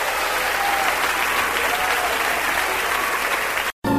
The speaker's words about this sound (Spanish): Aplaude la grandeza de nuestro Rey.